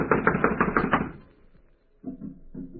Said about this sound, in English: Blast it, it's locked from the inside. Well, someone is definitely in there. I'm going to knock.